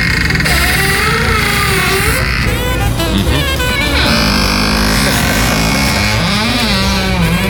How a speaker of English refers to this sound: And thank you for adding to our collection of squeaky door sounds.